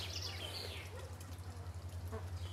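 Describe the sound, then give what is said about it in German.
A stork bathes in water, with soft irregular splashing and trickling over a steady low hum, and a couple of brief higher chirpy squeaks near the start. “Das war jetzt das erste Mal, dass ich das gesehen habe, dass er ins Wasser gegangen ist und gebadet hat.”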